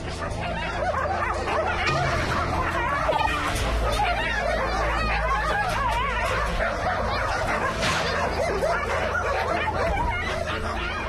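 dogs barking

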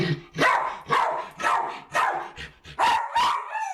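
dog barking loudly indoors

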